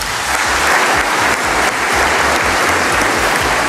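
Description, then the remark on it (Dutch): Sustained applause from an audience for Margriet Hermans, a dense, steady wash of many hands clapping at full volume without letting up, no voices standing out. “En toen kwam inderdaad een allereerste applaus”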